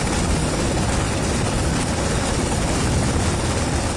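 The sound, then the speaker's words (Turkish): A helicopter roars continuously overhead during a Turkish military exercise with a casualty evacuation scenario, its dense, loud engine and rotor noise filling the scene at a steady level with no voices. “Tatbikatta helikopterle yaralı tahliyesi ve kaçırılan bir gemiye dönüp SAT gemi operasyonu senaryoları da başarıyla uygulandı.”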